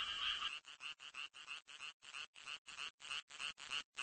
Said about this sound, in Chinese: 雄青蛙也加入到音乐会的队伍中了。他们有一个能鼓起来的声囊，声囊产生共鸣，使得声音十分洪亮。